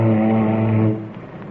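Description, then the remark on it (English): A ship's foghorn, sounded in cold northern waters to listen for an echo off icebergs, gives one loud, deep blast, a steady low droning tone rich in buzzy overtones that holds for about a second before fading away. “Say, don't you ever use your foghorn?”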